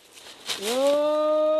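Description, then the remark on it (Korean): A person lets out a loud, sustained call that rises in pitch and then holds steady, ringing out alone in the open air after some faint rustling. The person is shouting while hiking in the mountains to scare off wild boars. “몸이 아무튼 수련을 하고 멧돼지가 아무튼 수련을 해요. 그래서 뭔지 피해가라고 그래서 이렇게 소리를 지르는 겁니다.”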